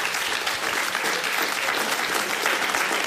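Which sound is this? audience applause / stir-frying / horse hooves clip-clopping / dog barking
audience applause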